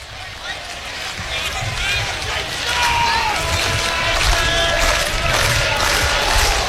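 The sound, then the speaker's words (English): A baseball stadium crowd cheers and roars steadily at the top of the ninth inning, trying to help pitcher Unger against the leadoff man, swelling louder partway through, with scattered shrill whistles cutting above the dense wash of voices. “This crowd trying to help Unger with the leadoff man here at the top of the ninth inning.”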